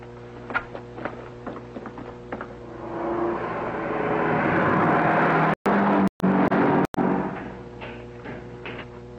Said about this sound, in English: Pardon me, sir, but a car just drove through number 3 gate without stopping for identification.